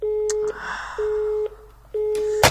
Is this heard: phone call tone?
yes